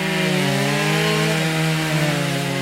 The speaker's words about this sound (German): Hier hat sich zum Glück kein wütender Wespenschwarm über mein Aufnahmegerät hergemacht. Das sind nur die Kettensägen von zweien der 22 Kunstschnitzer, die vergangenes Wochenende in Altenkessel zu Gast waren.